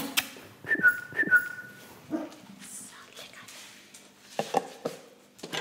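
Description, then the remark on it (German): Several dogs at a home boarding kennel in Hagen im Bremischen: short whistles call them, followed by a few scattered yelps and barks, with a person speaking quietly in between. “Seit knapp 12 Jahren betreibt sie zu Hause in Hagen im Bremischen eine Hundepension.”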